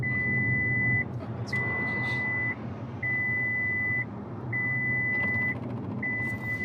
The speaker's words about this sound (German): Schon nach wenigen Sekunden schlägt das Auto Alarm.